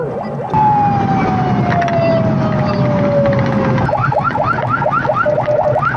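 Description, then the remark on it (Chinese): A loud police car siren sounds: one long, slowly falling wail, then a switch to a rapid, repeating yelp pattern, over a steady rumble of traffic noise. No one speaks. Police are rushing a mother and her child from Guandu Ancient Town to Kunming Children's Hospital. “孩子情况危急，母亲焦急万分，民警赶紧让他们上车，拉响警报往最近的医院赶。”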